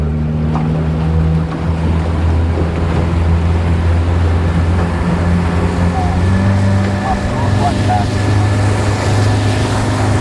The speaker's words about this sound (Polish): zaraz łódka odpali na całego i ruszamy.